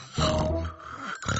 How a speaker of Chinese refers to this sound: 小头爸爸，求求你别再打呼噜了。